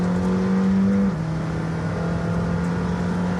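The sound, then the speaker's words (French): A sports car's loud, steady engine drone holds a constant pitch, then drops abruptly to a lower note about a second in as the car brakes hard on a wet track, with broad road noise and no talking. “Ah, là, gros freinage.”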